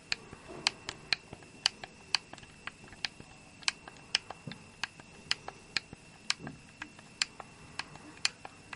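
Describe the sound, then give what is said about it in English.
Arrow keys on an Xbox One controller being pressed one after another, each giving a crisp plastic click in a steady rhythm of about two per second against a quiet background. “Arrow keys here now.”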